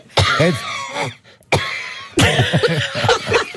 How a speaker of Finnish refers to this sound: On jotenkin, on se varmasti, se on ihan todellista, mutta se, niin kuin se köhinä on niin kauhean dramaattista.